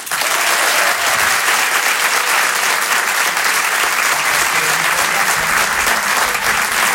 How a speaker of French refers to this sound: Rire et chanson, Comedy Club. Je demande un maximum de bruit, s'il vous plaît, un tonnerre d'applaudissements